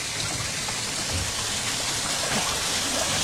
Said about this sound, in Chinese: 就喜欢听那个水的声音，也凉快。 是， 嗯，从这往上看，那瀑布 啊，景色也好，景色也好。